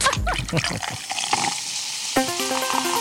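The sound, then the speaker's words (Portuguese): Tonic water is opened and poured: a bubbly fizzing and splashing rush that fades after about a second, then faint tonal sounds come in toward the end. “Abre água tônica.”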